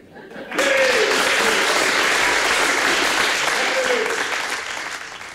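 An audience at a performer's recording of a track, from an album, breaks into loud, sustained clapping that starts abruptly and holds steady for several seconds before gradually thinning out toward the end.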